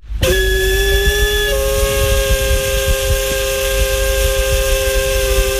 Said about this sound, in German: Das ist die Dampfpfeife von einem Dampfschiff.